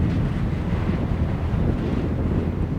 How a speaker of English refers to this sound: It's really windy up there. Yeah. And it's very steep. So as soon as you get close to it, you get thrown in the air, you know, super fast.